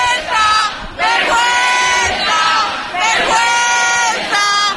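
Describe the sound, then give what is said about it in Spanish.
A protest crowd in front of a building entrance in the Retiro area shouts a rhythmic chant of "¡Vergüenza!" at police in unison, loud, with repeated bursts of massed voices rising and falling roughly every second and a half. “Ahora mismo están gritando a los policías, no sé si podéis escucharlo.”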